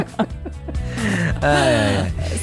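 A person yawns up close, a drawn-out breathy vocal sound whose pitch rises and sags before trailing off, preceded by a few short intakes of breath.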